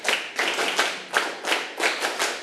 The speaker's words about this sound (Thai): เด็กๆเงยหน้าขึ้นมาปรบมือ1ครั้งปรบมือ1ครั้งปรบมือ2ครั้งปรบมือ5ครั้งปรบมือ10ครั้ง